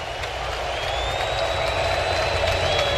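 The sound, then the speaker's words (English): A large baseball stadium crowd of about 49,000, most of them standing, roars steadily with scattered clapping and cheering as the Red Sox are down to their final strike and the Yankees wait to advance in the playoffs. A dense wash of noise holds constant, with a few high whistles cutting through. “So what's left of the crowd of 49,004, most of them standing, waiting for the Yankees to advance.”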